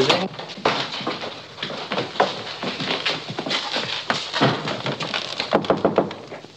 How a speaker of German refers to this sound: Klopfe bei Hoheit Zimmer. Ich muss ihn dringend sprechen. Hoheit ist nicht zu Hause. Ich klopfe, vielleicht ist ein Wunder geschehen.